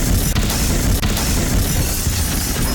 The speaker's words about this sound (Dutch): Op de Claudius Prinsenlaan zijn drie auto's op elkaar gebotst. Daar hebben we opnames van.